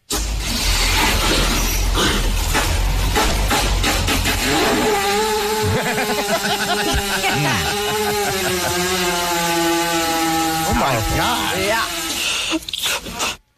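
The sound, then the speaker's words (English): A long, loud, low flatulent blast from a cow laid down while someone pushes on its stomach, with a wavering, buzzing pitch that rises and falls, rumbling steadily for over ten seconds before cutting off abruptly. “But they can fart, but it's in a very particular way. They usually lay them down and somebody pushes on their stomach.”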